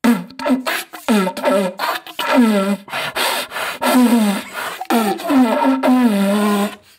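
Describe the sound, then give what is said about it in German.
A stag (Hirsch) hunting call is blown in rhythmic beatbox style: a string of raspy, buzzing bellows around a low pitch, each rising and falling in short bursts with brief gaps between, loud and continuous for several seconds. “Ja, so, willst du mal einen Hirsch-Beatbox haben? Mach mal Hirsch-Beatbox.”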